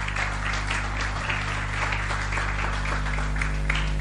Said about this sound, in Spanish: ¿Por qué no le das tu mejor aplauso al Señor en esta mañana?